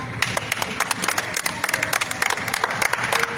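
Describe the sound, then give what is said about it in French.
An audience applauds steadily, many hands clapping in a dense, continuous patter with sharp individual claps scattered throughout, holding an even loudness for a few seconds. “Applaudissez-vous vous-même.”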